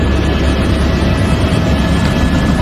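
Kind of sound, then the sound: vehicle, helicopter rotor and engine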